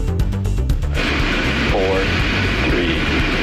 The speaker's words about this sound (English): And SpaceX robotic Dragon capsule launching into space earlier this morning.